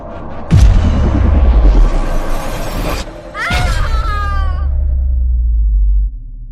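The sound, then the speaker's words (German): A loud crashing bang gives way to a deep roaring rumble, then a second heavy impact brings a shrill, wavering grinding screech over the continuing rumble before everything cuts off, as a spaceship is pulled into a giant pink spiral. “Dann plötzlich ein ohrenbetäubender, schleifender Ton und ein wirklich furchterregender Knall.”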